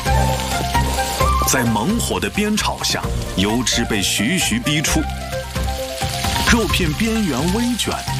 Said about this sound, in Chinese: 第二下锅，热油沸腾，将煮熟的牛肚与牛肠滑入锅中。